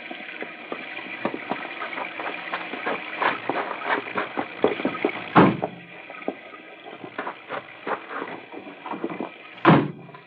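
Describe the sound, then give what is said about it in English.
Car doors being opened and shut, with steady rustling and clatter throughout and two loud, sharp slams several seconds apart. “I'll open the car doors.”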